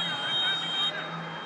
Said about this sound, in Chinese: 好的，随着主裁判的一声哨响，下半时的比赛开始了。